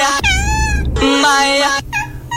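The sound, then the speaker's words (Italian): A cat meows loudly and insistently in a few drawn-out, wavering cries, slightly tinny as it is played back from a funny web video, with no one talking over it. “Questo video del web divertenti, almeno secondo Angelo. No, questo è secondo Giovanni sempre. È un gatto.”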